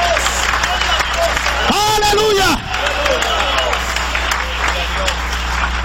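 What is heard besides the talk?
audience applauding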